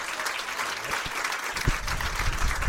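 A crowd claps steadily, a dense, continuous patter of many hands at an even loudness, with no voices heard over it.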